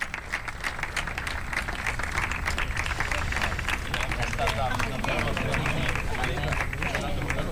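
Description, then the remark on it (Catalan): Loud, sustained applause from a crowd for the players at the prize ceremony and group photo after the ITF W15 Badalona Open tennis final at Tennis Club Badalona, dense rapid clapping that continues steadily throughout with a murmur of voices mixed in. “I ara fotografia de grup a tots els membres de l'organització, ajuntament, consistori, jugadores, i fort aplaudiment per elles.”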